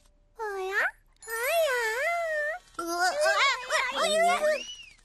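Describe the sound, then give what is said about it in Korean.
A baby creature whimpers and wails in three close, high-pitched bursts, its voice sliding up and down in a plaintive, sobbing whine that grows more agitated toward the end. “진짜 아기 같네.”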